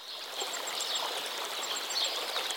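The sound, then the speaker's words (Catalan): Hundreds of swallows twitter in quick, high chirps repeated throughout as they fly over green wheat fields feeding on insects, over a steady rushing hiss of open-air ambience. “L'escena no pot complementar-se millor que amb els centenars d'oronelles per tot arreu que sobrevolen aquest horitzó vegetal amb vols fulgurants de blau metàl·lic.”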